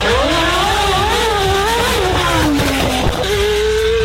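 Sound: racing car engine accelerating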